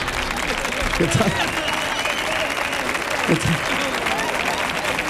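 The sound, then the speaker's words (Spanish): A crowd applauds steadily throughout, a dense, even wash of many hands clapping, with a couple of low thumps or voices briefly rising through the noise. “No aplaudirle.”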